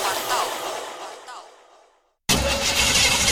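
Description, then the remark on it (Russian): A car engine grinds and sputters as someone tries to start it, the noise weakening until it dies into a brief silence, then a loud, harsh burst of sound cuts back in. “Да сколько можно? Каждый месяц одно и то же. Хочется уже новую машину.”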